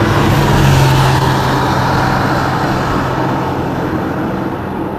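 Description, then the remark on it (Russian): A car engine rumbles loudly with steady road noise, gradually fading a little as the vehicle moves away. No voices are heard. “И как машина. Да шут с ней, пусть едет.”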